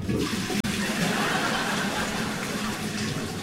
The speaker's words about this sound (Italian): Dici questa che sto usando per pulire gli schizzi di feci fluide da dentro la tazza del cesso?